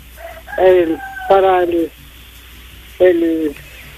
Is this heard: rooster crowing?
yes